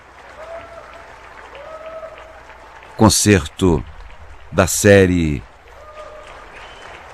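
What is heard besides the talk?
concert audience applause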